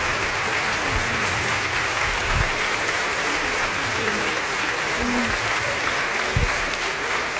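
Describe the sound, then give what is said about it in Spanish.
Loud, sustained applause and standing ovation from the whole audience after a concert performance of Leonard Bernstein's Symphonic Dances, a dense continuous wash of clapping with occasional cheers and shouts rising through it, lasting the whole stretch. “Estamos de regreso y escuchamos los aplausos y las ovaciones de pie de todo el público después de este gran concierto, de esta tercera obra de Leonard Bernstein, Danzas Sinfónicas, en donde pudimos escuchar mambo, cha-cha-cha y más ritmos.”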